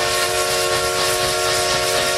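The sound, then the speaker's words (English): A steam train whistle of the Essex Steam Train, which runs through the Connecticut River Valley, blows in one long, loud, sustained tone with steady harmonic bands, accompanied by a breathy hiss of steam, heard alone with no talking. “All aboard the Essex Steam Train and Riverboat for unforgettable events all year long.”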